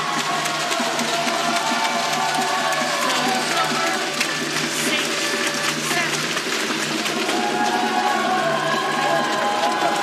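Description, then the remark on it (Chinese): An excited crowd of Chinese spectators at the venue cheers in a continuous, loud roar of overlapping voices that stays steady for about ten seconds. “现场的中国观众这个时候很兴奋”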